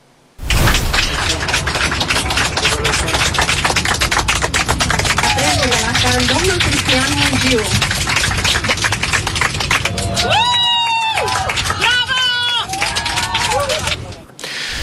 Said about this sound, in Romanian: Chiar în aceste momente, Cristian Mungiu este în avion, în drum spre București. A fost primit cu aplauze pe aeronavă.